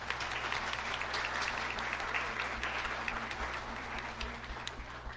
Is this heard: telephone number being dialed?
no